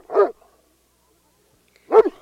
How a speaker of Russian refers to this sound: Что такое? Почему Мишка лает так сильно? Чего это он? Посмотрите на него, он просто рвется с поводка. Я слышу Мишку, Он никогда так не лает.